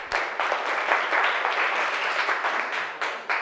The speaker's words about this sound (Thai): เก่งมากปรบมือให้เพื่อนก่อน